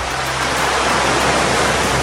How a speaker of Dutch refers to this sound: Het verfrissende water van de Atlantische Oceaan.